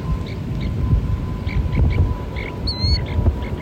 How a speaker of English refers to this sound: That's the sound of a snowy plover chick chirping from inside an egg. The chicks tap at the eggs just before hatching. Coastal ecologist Stephanie Coates recorded these sounds as she was monitoring nests at the Salinas River National Wildlife Refuge.